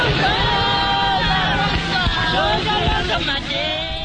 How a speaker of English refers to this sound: At the back entrance to the Pretoria court, large crowds gather to watch the accused being driven away to start their life sentences.